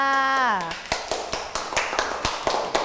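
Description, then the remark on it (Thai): A voice trails off, then scattered handclaps follow: a dozen or so sharp, uneven claps over a couple of seconds, moderately loud, as a small group briefly applauds group number 4. “ต่อไปค่ะเป็นกลุ่มที่เท่าไหร่นะคะกลุ่มที่4ค่ะขอเสียงปรบมือให้กับกลุ่มที่4ค่ะ”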